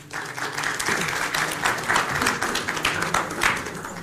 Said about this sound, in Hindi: चलिए आइए, तालियों के साथ स्वागत कीजिए अगले दो पार्टिसिपेंट्स का